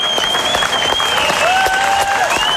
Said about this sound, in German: Sie hören den Schlussapplaus von Roseus, von Roseo, von Graziell.